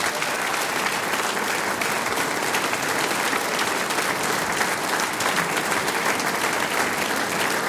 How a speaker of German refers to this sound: Und jetzt kriegst du einen großen Applaus.